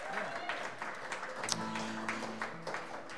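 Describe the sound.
An audience applauds steadily, a dense crackle of many hands clapping at once, with some voices and a few cheers mixed in throughout.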